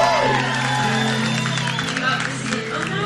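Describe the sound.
A crowd applauds and cheers steadily for a singer being introduced before a song, about three seconds of dense clapping mixed with high whoops and shouted voices, staying loud and even throughout.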